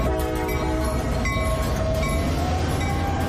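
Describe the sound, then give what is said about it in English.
A scenic railway train of the Lehigh Gorge Scenic Railway in Jim Thorpe, Pennsylvania, running a 16-mile round trip into Lehigh Gorge State Park, rumbles steadily with a deep, continuous roar, overlaid by sustained horn-like tones and faint metallic clatter; no one speaks. “Here at the Lehigh Gorge Scenic Railway, we offer 70-minute round trips that take you into the Lehigh Gorge State Park.”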